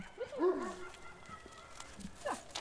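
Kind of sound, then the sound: animal, dog barking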